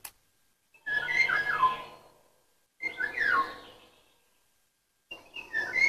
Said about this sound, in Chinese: 鸟鸣的 是哪种鸟？ 不是黄鹂吧？我也搞不懂，这我还真不知道。